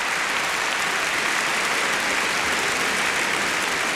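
Steady applause from a crowd, a dense even patter of many hands clapping at a constant loud level for the whole stretch, with no voices heard.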